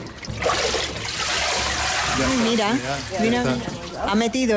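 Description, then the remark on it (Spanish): Water sloshes and then trickles and drips steadily as a papermaking mould with a filter screen is dipped into water with suspended pulp and lifted out, the water draining through and leaving a layer of pulp that dries into paper, with a voice talking over it. “Mira, mira, mira, mira, ha metido la forma en el agua y al sacar, ha filtrado en agua y ha quedado tejido, la pulpa.”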